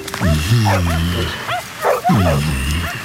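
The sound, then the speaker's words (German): Several dogs bark and yelp over one another in a continuous, echoing chorus, with a few higher-pitched yips mixed in, fairly loud, from the many kennels of a large house with park-like grounds opposite the church in a small village. “So viele Zwinger und so viele Hunde.”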